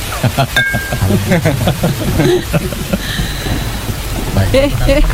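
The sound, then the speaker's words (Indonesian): Heavy rain pours down steadily, a dense hiss filling the background while several people talk over it. “Hujan begini enaknya minum kopi.”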